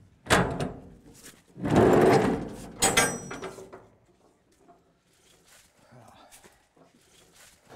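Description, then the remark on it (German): A storage room door, where furniture and doors are stored, is pulled open with a few loud scraping and rattling bursts in the first three seconds, followed by quieter shuffling and faint movement. “Ja, lass uns mal die Schatzkammer wieder öffnen.”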